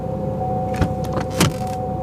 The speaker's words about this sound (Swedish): Mamma satte sig bakom ratten och startade bilen.